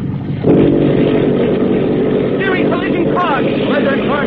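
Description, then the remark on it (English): A motor torpedo boat's engines roar to life abruptly after a brief quiet moment as the mufflers are opened, then hold a loud, steady, throaty drone as the boat accelerates, with faint shouted voices buried beneath it. “Signal engine room to open mufflers.”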